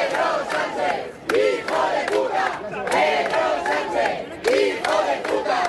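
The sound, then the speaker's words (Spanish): A protest crowd at a rally at Cibeles in Madrid, called by Madrid City Council against Pedro Sánchez's handling of the Ceuta migration crisis, chants "invasores expulsión" in unison during mayor Almeida's speech, many voices shouting in a steady rhythmic cadence with repeated loud bursts, rising and falling. “Y a pesar también de gritos como este "invasores expulsión" que corearon los asistentes en varios momentos aquí durante la intervención del alcalde Almeida.”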